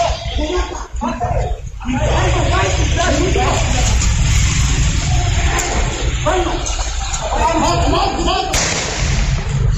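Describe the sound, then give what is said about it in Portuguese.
Security camera audio of a crime: a sharp, loud gunshot cracks out near the end as a man is shot in the neck during a physical struggle with three criminals, over a noisy, muffled scene of agitated voices, one saying to kill him, and scuffling, with a few dull thumps earlier. “Houve uma luta corporal até o momento em que ele levou um disparo no pescoço e morreu.”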